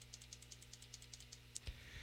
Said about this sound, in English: The click sound effect is fast. And then this is what a real click sounds like, by the way.